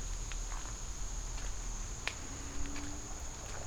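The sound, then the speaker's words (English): A soft, steady patter of rain falling outdoors in humid weather, with a constant high insect drone above it and a few faint scattered drips or taps. No voices. “And I actually think it's raining now. It sounds like rain.”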